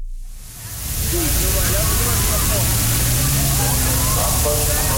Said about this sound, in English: In Berlin, police deploying water cannons, not to fend off protesters, but to give crowds of people relief from the heat.